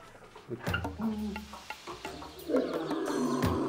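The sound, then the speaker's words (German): A lion in a zoo lion enclosure roars and growls in several deep, rumbling bursts, the last one longer and more sustained, over faint background noise. “Im Löwengehege haben Jarrah und Sita die heiße Zeit hinter sich”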